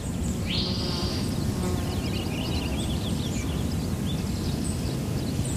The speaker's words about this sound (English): That's a purple finch over there, a real bubbly, sing-songy. How do you know that's a purple finch? So it's usually singing fairly up in a tree, not right off the ground. And it's a bubbly song. It's very warbly. So it's a short sound.